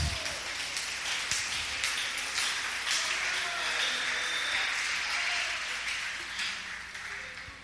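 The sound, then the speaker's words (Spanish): An audience applauds for Christ during an evening church service, a dense wash of many hands clapping at an even level for several seconds before easing off slightly at the end. “Dale un aplauso a Cristo en esta noche.”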